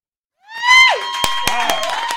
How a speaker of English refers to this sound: That was really loud. You just yelled really loud into the microphone. I did that on purpose.